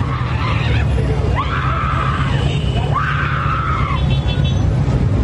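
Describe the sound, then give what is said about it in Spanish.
Anguished screaming and wailing of grieving relatives of a motorcyclist killed in a road crash: several long, rising-then-falling cries follow one another, loud, over a constant low rumble of background noise. “invadiendo el carril exclusivo de Transmetro, chocó con otro que la atravesaba y perdió la vida, causando un gran dolor en sus familiares, que fue expresado por medio de gritos y llantos.”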